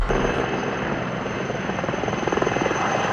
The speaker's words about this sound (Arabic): مع خيوط الفجر الأولى ليوم الاثنين، استغلت فرق الإنقاذ اليونانية هدوءا نسبيا في حدة الرياح لتدفع بقطعها الجوية مجددا إلى قلب المعركة. 9 طائرات إطفاء و9 مروحيات تؤازر أكثر من 450 عنصرا على الأرض في محاولة لمحاصرة 3 جهات حرائق مستعرة غرب العاصمة أثينا